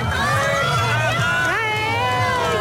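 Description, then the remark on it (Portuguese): A crowd at an event venue erupts in sustained cheering and excited shouts as the moon fully covers the sun during a total solar eclipse, many voices overlapping loudly with rising, wavering pitches. “Como se fosse uma passagem de ano, porque realmente o sol está a desaparecer, a lua está a cobrir por completo e, aliás, a reação é esta.”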